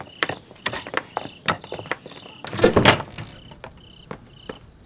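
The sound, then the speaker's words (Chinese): A door being shut: a series of sharp wooden clunks and knocks, building to a louder rattling bang midway, with a faint high squeal lingering underneath. “猴子，关门。”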